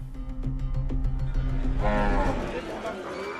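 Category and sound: animal, cattle mooing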